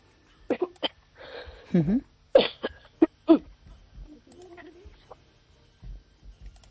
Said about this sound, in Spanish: Le ha dado la tos, no sé si se ha atragantado ahora mismo